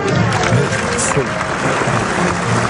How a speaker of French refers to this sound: Adresser un salut au public pour l'inviter à applaudir. Le public fait volontiers.